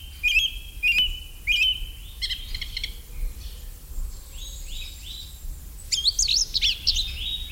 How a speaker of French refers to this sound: c'est la grive musicienne qui chante vraiment très très bien aussi